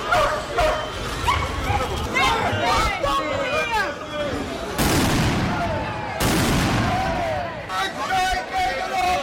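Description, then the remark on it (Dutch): Police dogs bark repeatedly and aggressively as riot police with dogs and batons break up a protest in the municipality of Twente-Rand, amid a loud, chaotic crowd, with shouting voices and sharp bangs or bursts of noise breaking through the commotion. “Maar een deel bleef demonstreren en toen greep de ME in met politiehonden en wapenstokken.”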